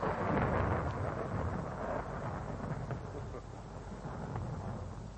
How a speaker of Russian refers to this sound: На дворе гроза собирается.